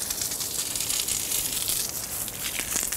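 A water shower sprays steadily in a rhinoceros enclosure at Zoo Berlin, a continuous bright hiss with crackling, splattering texture that stays loud and even throughout, with no voices over it.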